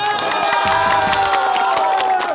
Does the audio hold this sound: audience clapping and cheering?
yes